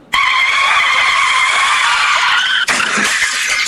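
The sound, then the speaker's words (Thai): A motorcycle skids on a wet road: a loud, sustained, high tire squeal holds steady for over two seconds, then cuts abruptly into a rougher, grinding scrape. No one speaks. “โอ้ยฝนตกผิวถนนลื่นเปียกๆแล้วบ้านเราเนี่ยนะคุณพี่ไรเดอร์มอเตอร์ไซค์เนี่ยเยอะมาก2ล้อเท่านั้นไปเจอแบบว่าถนนเปียกๆทางลื่นเนี่ยโอ้ยอีกถ้าขับเร็วแล้วก็โค้งเคิ้งมาล้มคว่ำ”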